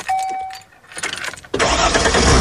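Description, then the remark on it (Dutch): Keys jingle briefly with a soft tone, then the engine of a D-Car motorhome cranks and roars to life, settling into a loud, steady rumble. “Misschien start jij binnenkort wel de motor. Van die mobile home, die motorhome.”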